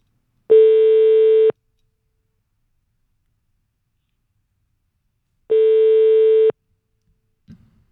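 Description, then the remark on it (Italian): A telephone ringback tone on an outgoing call placed from a radio show: two steady one-second tones separated by a long silence, clear, followed by a brief faint knock at the end. “Allora, ripeto, stiamo chiamando”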